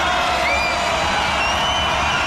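A loud, sustained, deafening roar of a basketball arena crowd during a game involving Unicaja, as a free throw is taken, dense and unbroken, with whoops and shrill cheering cutting through the constant wall of noise.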